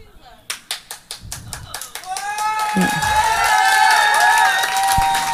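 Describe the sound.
At a comedy show, one audience member's few steady, evenly spaced claps ring out, then the whole audience joins in with loud, dense applause mixed with cheering voices that carries on to the end.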